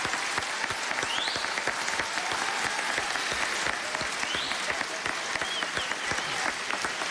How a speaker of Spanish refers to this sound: Un aplauso